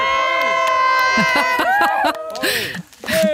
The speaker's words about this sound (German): Döschwitz jubelt.